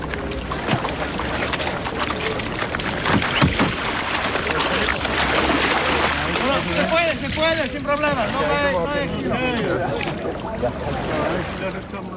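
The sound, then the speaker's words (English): A rowing boat being slid off a trailer and into the water in Galicia, with knocks and clatter from handling, steady watery wash, and several voices calling and chatting throughout. “I'm watching you ordering everybody about and getting the boats off the trailer and into the water.”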